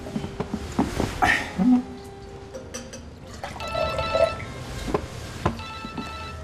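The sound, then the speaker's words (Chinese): A phone rings with a steady electronic tone in the second half, following clinks and clatter of cups and tableware in a restaurant-like room. “喂，知道了知道了，他没跟你说吗？你们不能重复打电话，好吧？”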